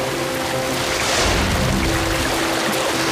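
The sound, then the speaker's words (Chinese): Steady, loud rushing water flowing toward a hydroelectric power station fills the whole stretch, a dense hiss with a low churning rumble that swells slightly midway, like surging waves splashing. “这些水离水电站越来越近了。”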